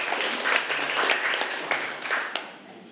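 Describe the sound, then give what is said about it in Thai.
A small group applauds after a water pipe and faucet were installed and tested, a dense, steady patter of many hands clapping at once that holds for a few seconds, then thins out slightly at the end. No one speaks. “เป็นไงปรบมือขอบคุณสื่อดีๆสำหรับวันนี้นะคะ”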